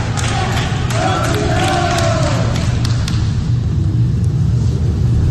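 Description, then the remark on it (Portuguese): About 30 hospital staff applaud steadily as coach Parreira leaves Hospital Samaritano Barra in Rio de Janeiro in a wheelchair after discharge, dense clapping filling the whole stretch, with scattered cheers and voices rising briefly through the noise early on. “Na saída, Parreira foi aplaudido pelos funcionários do hospital.”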